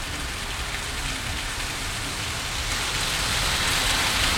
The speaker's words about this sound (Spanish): me dice que no escucha nada porque es tan fuerte la lluvia. Le subiste el volumen ahí al retorno, ¿no? Para poder escuchar la radio. Ahí calmó un poquito. Sigue lloviendo, pero calmó ese pulso fuerte.